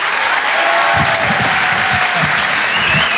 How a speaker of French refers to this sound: Je vous demande donc de l'applaudir très très très fort, s'il vous plaît. Voici Haroun.